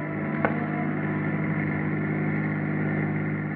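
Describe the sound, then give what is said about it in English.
A police car's engine drones steadily as it cruises through city streets and along the ocean front, an even rumble with a constant hum and no voices, holding the same level throughout. “Parker and Schaefer search vainly through the city streets and along the ocean front for the maroon-colored Chrysler”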